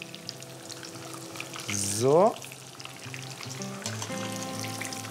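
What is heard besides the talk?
breaded food frying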